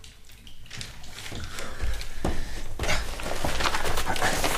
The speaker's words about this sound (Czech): A zastav tu vodu.